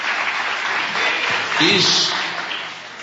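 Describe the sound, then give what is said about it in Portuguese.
A crowd applauds for Jesus steadily for about three seconds, a dense, even patter of many hands clapping, with a brief voice or shout rising above the noise partway through. “Palmas para Jesus.”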